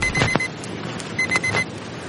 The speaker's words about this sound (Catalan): Sonó despertador, viste ese repaso examen.